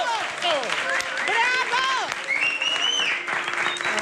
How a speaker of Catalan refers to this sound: Ha arribat el gran moment de la gosseta que ens acompanya. La Coco apareix a l'escenari enmig d'una gran ovació i tothom l'aplaudeix.